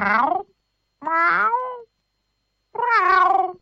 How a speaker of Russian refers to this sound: Кот снова несколько раз мяукнул. Это было самое обычное кошачье мяу. Подобное мяу директор цирка постоянно слышал у себя под окном, особенно весной в теплые лунные ночи.